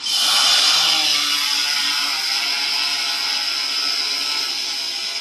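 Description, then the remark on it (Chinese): More than ten agricultural drones take off one after another on a drone patrol competition course, their rotors making a loud, steady high-pitched whirring buzz that holds constant throughout with no pauses and no voices. “您现在听到的是农用无人机飞行的声音。”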